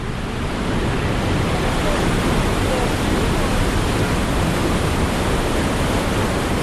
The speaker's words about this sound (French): Le traducteur Biki fait remarquer que le volume d'eau est très important et effectivement on va s'approcher parce qu'on entend un sacré vacarme.